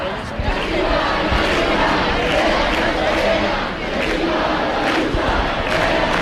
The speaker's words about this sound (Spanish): Bueno, esos mismos insultos, esos mismos pitidos del público de los que nos hablaba nuestra compañera, que están ustedes mismos escuchando en directo,